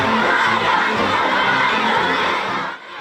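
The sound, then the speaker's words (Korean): A loud, sustained chorus of children's high-pitched cheers and shouts as flower children enthusiastically welcome President Trump on his state visit to China, with crowd noise running steadily before easing off right at the end. “화동들의 열렬한 환영에 트럼프 대통령이 잠시 멈춰 박수를 칩니다.”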